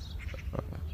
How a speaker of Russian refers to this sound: Вот звуки войны. Это звуки современной войны. Птички, небо, рассвет, все утро, прям все роскошно.